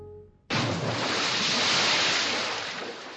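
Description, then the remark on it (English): Waves in Boston Harbor, 1774, wash around a cargo ship in the darkness in a loud, steady surge that starts abruptly after a brief low hum and rolls on without a break. No one speaks. “Boston Harbor, 1774. Two figures huddle on the deck of a cargo ship, there in the darkness.”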